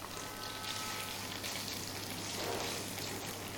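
Steady, dense sizzling of dried tofu (xianggan) stir-frying over high heat in a hot wok with a little oil left in it, a continuous crackling hiss with slight swells in intensity and no talking.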